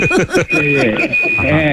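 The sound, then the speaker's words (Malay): A telephone rings as a steady, unbroken high-pitched tone lasting the whole moment, while people talk loudly over it. “Telefon tu.”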